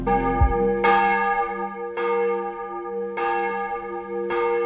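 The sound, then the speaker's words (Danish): Large church bells of Vor Frue Kirke in Copenhagen, Denmark, toll for a morning service in a steady, slow rhythm, each strike blooming into a long, rich hum that overlaps the next. Loud, with no voices. “Klokkerne ringer til morgenandagt fra Vor Frue Kirke i København.”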